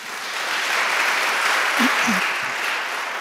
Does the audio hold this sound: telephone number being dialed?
no